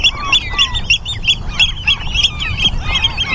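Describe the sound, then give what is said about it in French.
Oystercatcher alarm calls near its nest on the Hallig island of Nordstrandischmoor in June, a rapid series of shrill, piercing piping notes repeated in quick succession, loud, over a low rumble of wind. “C'est un nutriépi.”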